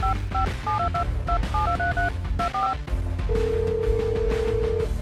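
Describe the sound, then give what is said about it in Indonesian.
A rapid series of paired dial-tone beeps as a woman keys in the father's phone number, followed by a steady, sustained ringback tone while she waits for him to answer, all heard over a dense, loud music bed with no talking. “Aduh, angkat dong, Pa, teleponnya. Kok lama banget sih?”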